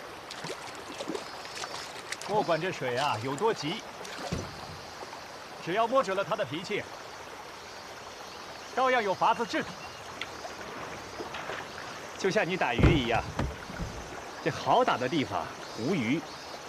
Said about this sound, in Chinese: 刚下过暴雨，这江水啊，这么急